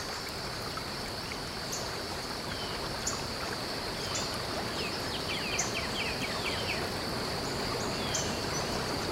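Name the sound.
waterfall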